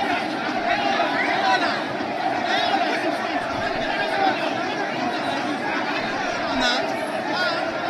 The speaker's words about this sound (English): Well, the crowd is wild looking at that replay once again. Big, big moments.